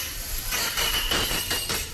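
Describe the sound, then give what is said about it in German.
A dentist's drill from the dental practice beneath a radio studio whines at a steady high pitch over a loud, rough rumbling noise that pulses in slow surges for about two seconds, with no one speaking. “So, das klingt wie die Geräusch? Baustelle hier vom Studio. Das ist unter uns der Zahnarzt.”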